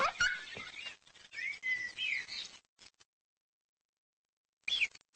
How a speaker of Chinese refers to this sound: 在受到老鹰威胁时，放哨的土拨鼠会发出告警声，于是整个鼠群便陷入了恐慌。